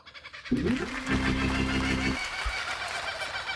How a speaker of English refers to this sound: The laughing kookaburra is a member of which bird species? Well, I was yelling at the radio last night saying kingfisher. Kingfisher is correct.